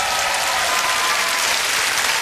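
A crowd applauds steadily, a dense, even wash of many hands clapping at once with no pauses and no voices standing out: an Opole audience applauding the young performers of the cabaret Neonówka and Zespół Żarówki.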